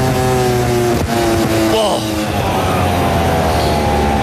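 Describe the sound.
Costa's racing motorcycle engine whines loudly at high pitch on the back straight, then its tone drops sharply as it loses speed, just before Àlex Márquez hits it, and settles into a lower, rougher drone, with faint voices underneath.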